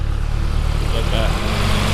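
A tractor engine rumbles past on the village road (raitti) of Tiistenjoki, Finland, with a steady, loud, low-pitched drone, its throbbing harmonic hum holding evenly for the whole two seconds.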